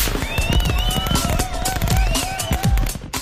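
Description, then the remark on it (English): Loud fireworks going off in a rapid, continuous barrage of crackling bangs, with shrill whistling tones gliding up and down over the bursts. No one speaks. “Get to Big Charlie's Fireworks and load up on enough fireworks to really impress your family.”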